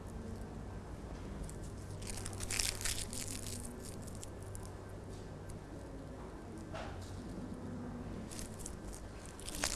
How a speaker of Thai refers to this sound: เราจะใช้กระดาษว่าวของเรานะคะที่มีหลากหลายสีเลยค่ะแล้วก็ใช้นิ้วมือน้อยๆของเรานะคะในการขยำกระดาษว่าวของเราให้เป็นวงกลมเล็กๆค่ะ